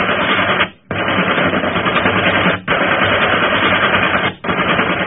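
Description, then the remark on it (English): Loud, sustained machine gun fire aimed at a ship, in long rattling bursts, broken by three brief pauses, with a dense, harsh crackle and no voices. “Keep firing!”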